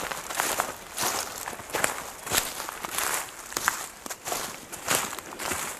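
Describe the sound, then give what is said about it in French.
Steady footsteps crunch and crackle through a thick layer of dry dead leaves covering a trail, each step a bright rustling burst in an even walking rhythm, with no voices. The temperature is about 7–8 degrees in the shade. “Donc, là, nous marchons sur une piste qui est recouverte de beaucoup de namas de feuilles mortes, ce qui donne au son ce genre de petit crépitement.”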